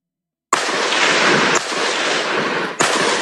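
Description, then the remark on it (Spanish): Loud, close military gunfire: three sharp shots about a second apart, each followed by a sustained, roaring echo that fills the gaps. No one speaks. “En este momento, Fuerzas Armadas acaba de hacer disparos para asegurar el avance, porque nos estamos acercando a donde se ha identificado un campamento”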